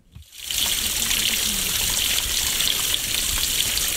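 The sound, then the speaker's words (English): Water pours steadily from a stormwater pipe into a stream in Parry Cody Park, Warkworth, north of Auckland, a continuous gush and splash with a bright hissing texture that starts after a brief quiet moment and holds at an even loudness. “Water flows out of a stormwater pipe and into a stream in Warkworth's Parry Coldy Park, north of Auckland.”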